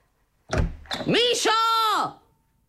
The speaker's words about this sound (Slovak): Netrieskaj tými dvermi.